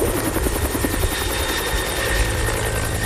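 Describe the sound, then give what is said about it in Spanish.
A helicopter drones steadily overhead, its rotor blades beating a fast, rhythmic chop over a loud, broad engine roar with a thin whine on top, continuous and without speech. “Tú ni lo oyes al helicóptero cuando ya te aventó el misil.”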